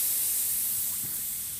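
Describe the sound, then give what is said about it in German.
Air hisses steadily out of a punctured tire, a continuous bright rushing noise that holds for the whole moment and eases off only slightly toward the end, with no talking. “Warum bremst du? Ei, wir haben Platten.”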